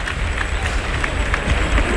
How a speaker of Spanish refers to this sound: Y el público que irrumpe en una fuerte ovación.